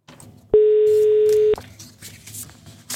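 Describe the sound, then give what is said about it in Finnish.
A single loud telephone tone, a steady one-second beep, sounds out clearly over a faint, murky background as a radio presenter phones one of the winners of a concert ticket draw, then cuts off, leaving low noise. “Soitetaan yhdelle voittajista.”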